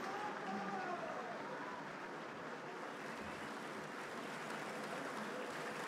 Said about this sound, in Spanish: Siguen los aplausos, los solistas nuevamente, con directores incluidos, saludando al público en la boca del escenario. Ha sido un placer compartir con ustedes este espectáculo que abre la temporada lírica del Teatro Solís.